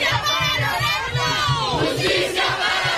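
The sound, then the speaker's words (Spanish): A protest crowd in Magnolia Park, a Mexican-American neighborhood of Houston, Texas, shouts loudly together for justice, many voices rising and overlapping in a rhythmic chant, with a steady low thumping beat pulsing underneath throughout. “Magnolia Park, un barrio considerado como emblema de la comunidad mexicoamericana en Houston, Texas, es ahora lugar de protestas, vigilias y clamores de justicia.”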